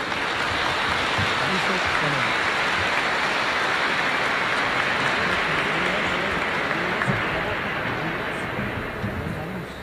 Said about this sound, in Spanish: Vamos a iniciar este congreso con una animación de parte de esta familia, de estos hermanos nuestros, y queremos alegrarnos y ponernos en esa presencia del Señor. Vamos a recibirles con un fuerte aplauso, por favor.